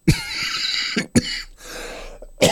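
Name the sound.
coughing fit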